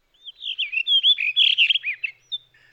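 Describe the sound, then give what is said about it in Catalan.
A blue rock thrush sings a rich, continuous warbling phrase of fluting whistles and quick slurred notes, fairly high-pitched and varied, lasting a couple of seconds with no talking. “Ara sentim la mèl·lera, un ocell un poc més petit que un tord.”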